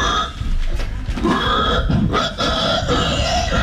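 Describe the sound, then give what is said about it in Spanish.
A human voice imitates a pig, making loud, rough, throaty grunts and snorts, run together almost without pause for a few seconds, with no talking. “De gente que hace ruido de animales, es re divertido. Pero así hacen los chanchos.”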